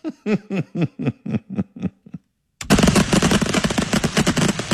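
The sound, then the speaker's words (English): A rapid string of about ten sharp firework bursts pops off like machine-gun fire, then after a brief pause a loud, dense barrage of crackling explosions erupts and continues, from an unexpected fireworks show at Ocean Beach near the Beach Chalet in San Francisco's Sunset on a Saturday night. “That sounds like a machine gun.”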